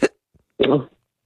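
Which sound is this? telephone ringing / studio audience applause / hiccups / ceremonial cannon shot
hiccups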